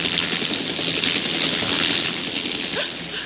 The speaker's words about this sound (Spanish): Se muestra el helicóptero pasando sobre una pendiente.